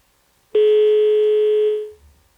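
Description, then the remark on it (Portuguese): A steady, loud telephone dial tone after a dropped call during a live news broadcast starts abruptly, hums on one unbroken pitch for about a second and a half, then fades out into quiet line noise. “Nem sempre o telefone também é perfeito. Ajuda, mas não resolve.”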